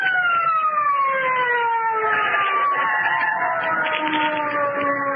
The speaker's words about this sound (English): Listen. Police car. Sounded like it.